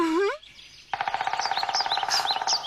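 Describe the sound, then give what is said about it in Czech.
A woodpecker calls in a fast, rattling series of sharp notes with high chirps on top, loud, after a brief rising whistle-like call at the start. “Slyšíš? To je určitě král datlů.”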